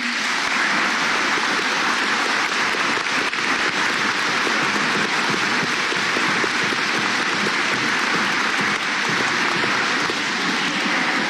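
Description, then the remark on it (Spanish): A crowd applauds steadily and loudly, a dense wash of many hands clapping at once with no pauses, sustained from start to finish with no voices rising above it. “Y sin duda, por favor, un aplauso para nuestros hermanos del Jeín.”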